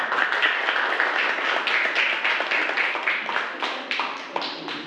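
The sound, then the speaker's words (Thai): A group of students in a classroom claps for their classmates of group 3 at the teacher's request, a dense, steady patter of many overlapping hand claps that stays fairly loud throughout, with no talking over it. “เก่งมากปรบมือให้เพื่อนกลุ่ม3หน่อยค่ะ”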